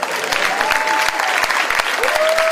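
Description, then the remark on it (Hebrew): A crowd claps steadily in dense, sustained applause, loud, with scattered sharper claps standing out and a faint whistle-like tone rising over it, at a live show, applauding a 22-year-old. “עוד כפיים, תראו איזה גודל.”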